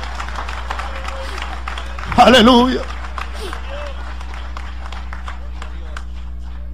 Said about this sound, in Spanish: Dale ese aplauso de alabanza al Señor.